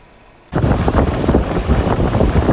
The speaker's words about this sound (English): Hurricane Polo ripping along Mexico's Pacific coast. Huge waves, intense rain, and damage to businesses along the shore, including this small beachfront restaurant in Tecomán, Colima, even as the powerful storm remained well offshore.